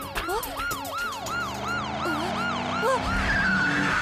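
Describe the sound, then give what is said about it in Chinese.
A police siren, sounded in an emergency, wails in quick, repeating up-and-down sweeps, loud, sounding continuously for several seconds over a low background rumble with no one speaking. “现在情况紧急，拉响警笛也不会生气了吧？”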